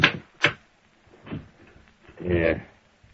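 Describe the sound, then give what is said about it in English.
Two sharp wooden clunks, then a brief scraping slide as a desk drawer is pulled open, with quiet room tone between the sounds. “Well, I got a fix of Littlefield right here in this drawer.”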